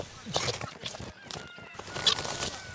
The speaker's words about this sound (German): Zu viele Perlhühner, Truthühner und anderes Federvieh sind über das gesamte Gelände verstreut.